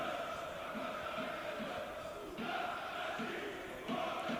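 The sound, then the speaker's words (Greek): Football fans at Vikelidis stadium during an Aris match shout in a steady, dense roar of many voices, with a few louder swells rising out of the continuous crowd noise. “Μαζεύτηκε πάντως κόσμος στο Βικελίδης, έτσι ακούω κάποιους που φωνάζουν.”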